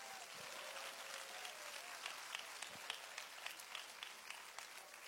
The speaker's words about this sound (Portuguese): Mais palmas para o Senhor Jesus.